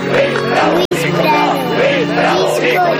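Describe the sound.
A crowd chants loudly in unison, many voices rising and falling together in a rhythmic, repeated call demanding a record, with one abrupt brief break of silence partway through.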